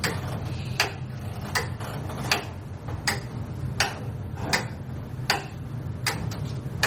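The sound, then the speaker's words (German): A single simple Frisian pendulum clock ticks steadily as it drives an entire gear mechanism, sharp clicks spaced evenly about every three quarters of a second over a low mechanical hum, clear with no voices. “Das ganze Getriebe wird von einer einzigen, einfachen friesischen Pendeluhr angetrieben.”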